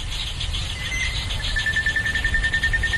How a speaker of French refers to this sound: Les sons sont composés de sons d'oiseaux et la nuit principalement de sons d'insectes. Illustration sonore pendant la saison humide, voici un enregistrement le jour avec des oiseaux.